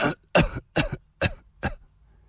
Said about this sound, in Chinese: 他一开口说话，就不停地咳嗽起来。